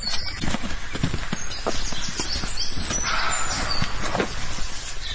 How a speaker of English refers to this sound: I'd never had a roe deer bark at me before, but I have now. And he sounds angry. Really angry.